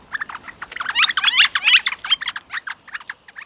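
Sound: young flicker calling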